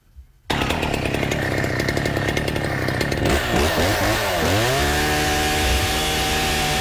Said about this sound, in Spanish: A una motosierra. Es súper fuerte. Es desagradable. Imagínate estar con una motosierra.